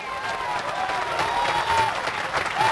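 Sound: audience applauding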